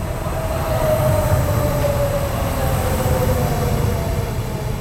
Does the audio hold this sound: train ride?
yes